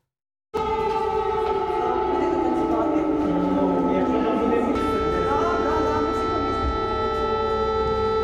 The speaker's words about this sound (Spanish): En las escuelas ucranianas ya no se escucha el timbre que anuncia el inicio de las clases, sino las alarmas que alertan de los ataques rusos. Alumnos y profesores bajan a los refugios para continuar las lecciones y los ensayos.